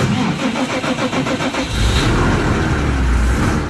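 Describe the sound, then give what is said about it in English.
The engine of a methane-powered New Holland tractor operated by the University of Nebraska-Lincoln cranks with a rapid rhythmic chugging, then catches and settles into a loud, steady low rumble, with no voices. “As the engine fires up, that sound isn't diesel, it's methane.”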